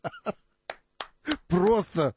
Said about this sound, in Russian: Просто аплодисменты.